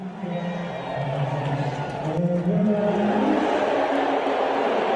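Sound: stadium crowd booing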